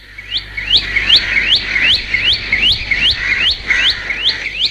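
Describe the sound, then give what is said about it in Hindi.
A red-vented bulbul calls loudly, a rapid run of about a dozen bright, upswept chirps in a steady rhythm over a faint low hum. “यदि तुम्हें कोई चिड़िया तेज आवाज में बोलती हुई मिले तो उसकी पूंछ को देखो।”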